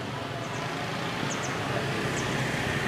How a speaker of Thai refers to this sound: จริงๆการจราจรเนี่ยก็ทำให้นึกถึงเมืองใหญ่ๆอย่างเมืองฮานอยได้เลยนะครับโดยเฉพาะเสียงแตรเนี่ยนะบีบให้สัญญาณกันตลอดครับและจะเป็นเสียงแหลมด้วยนะเพราะว่ารถมอเตอร์ไซค์เยอะเป็นพิเศษเลยครับ